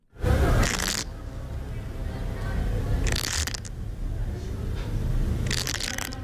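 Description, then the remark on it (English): Yellow-legged hornet larvae scraping against the sides of their paper pods inside a nest: three short bursts of dry, crisp scratching, evenly spaced a few seconds apart, over a steady low rumble. “That little scratching sound comes from yellow-legged hornet larvae scraping against the sides of their little paper pods inside a nest, probably because they're hungry.”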